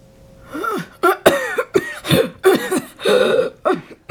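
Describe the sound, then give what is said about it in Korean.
A prolonged fit of harsh coughing by someone in a herbal medicine shop near 10 p.m., covering the mouth with a handkerchief while reading a prescription: a rapid string of about eight or nine hacking bursts with strained, raspy intakes between them, heard alone with no talking. “처방전을 들여다보던 수정은 터져나오는 기침에 손수건으로 입가를 가렸다.”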